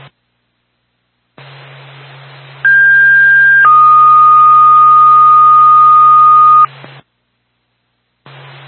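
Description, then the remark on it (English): A fire department dispatch paging alert tone for the Sugar Hill Fire Department, paging it to a fire alarm activation in Sugar Hill: a short steady tone, then a longer lower one lasting a few seconds, loud and clean over a band of radio static, with brief silences before and after. “Twin State Sugar Hill Fire Department, stand by for tone.”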